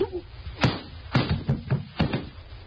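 A sharp slap to the face, followed by a few more quick smacking impacts in an uneven rhythm over a low, muffled rustle.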